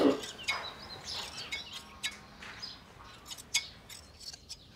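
Repeated crisp snips of hand shears cutting through alpaca fleece, irregular clicks spaced about half a second apart, fairly quiet, with no talking over them.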